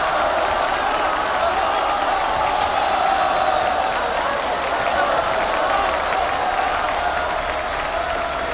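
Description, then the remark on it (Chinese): A large audience roars and cheers continuously during the third game of a women's singles match, a dense wall of crowd noise with scattered applause, loud and steady for the whole stretch without any clear single voice. “在第三局比赛中，黄林在全场观众的呐喊助威声中，及时的改变了战术”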